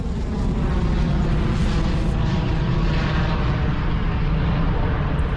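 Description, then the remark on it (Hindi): A loud, sustained missile launch roar from footage of a missile attack that Iran's IRGC claims it made on US military bases in the Middle East, a deep rumbling rush that holds steady for the whole stretch without fading, with no voices. “तो ये ताजा तस्वीर आप देख रहे हैं, मिसाइल से अटैक किया गया है, और अमेरिका को लेकर IRGC ने यह बड़ा दावा किया है।”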